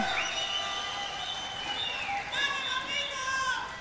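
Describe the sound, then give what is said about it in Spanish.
An audience claps steadily for a couple from the Araucanía region, capital Temuco, the applause blended with high, excited cheering and shouting voices that rise and fall over it. “¡Aplausos a Temuco, pues!”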